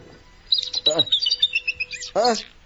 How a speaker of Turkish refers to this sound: Bu kanarya sesleri de nereden geliyor? Elimdeki kafesten.